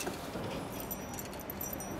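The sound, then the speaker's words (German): Keys jangle and clink in a brief metallic flurry as a key to an apartment in Vienna is handed over as a gift, bright irregular jingling lasting a couple of seconds with no one speaking. “Kleines Geschenk. Dein eigener Schlüssel.”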